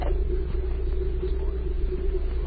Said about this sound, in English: That evening, the car arrived and Yvonne was driven away. Outside the city, it stopped for another passenger. Then it drove into the night.